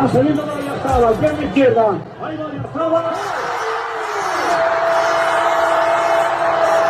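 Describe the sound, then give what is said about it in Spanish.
A crowd watching on giant screens in the town hall square of San Sebastián de los Reyes celebrating a goal: many voices shout and cheer at once, rising into a sustained roar of crowd noise, with a steady high tone sounding through the din near the end. “y en San Sebastián de los Reyes fue uno de los que tuvo esas pantallas gigantes en las calles, en la calle, concretamente en la plaza del municipio, en la plaza del ayuntamiento. Oye, así lo celebraban.”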